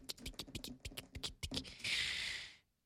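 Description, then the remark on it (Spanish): Rapid clacking of keys on a computer keyboard, typed by a person sitting at a table, in an uneven rhythm, followed by a short sustained rasping scrape before it falls silent. “tenemos que presentar a la otra persona que está en esta mesa sentada, tecleando.”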